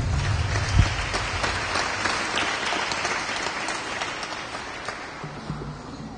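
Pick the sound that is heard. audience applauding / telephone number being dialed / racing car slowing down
audience applauding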